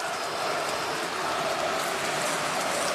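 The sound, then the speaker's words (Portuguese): A stadium crowd of Sport Club Internacional supporters boos at the end of a match, a dense, unbroken roar that holds steady at a loud level for the full three seconds, with no voices standing out above it. “Vaias do torcedor colorado.”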